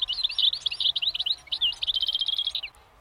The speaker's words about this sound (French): Oh, est-ce que c'est pas un oiseau, ça?